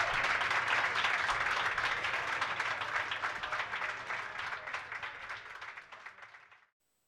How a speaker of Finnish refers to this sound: No niin, annetaanpa vielä kerran oikein raikuvat aplodit tälle meidän edelliselle oikein mahtavalle esiintyjälle.